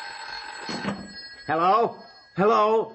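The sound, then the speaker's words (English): A telephone rings with a steady, high electronic tone held throughout, while two short bursts of voices speak over it. “And grab the phone. Yeah, right. Hurry up. Get the phone.”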